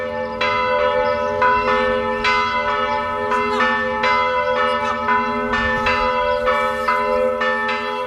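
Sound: festive church bells ringing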